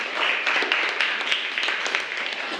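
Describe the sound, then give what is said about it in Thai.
A classroom of students claps steadily for a class representative, a dense patter of many hands sustained at an even level for a few seconds with no pauses, fairly loud. “ขอเสียงปรบมือให้กับตัวแทนด้วยค่ะ”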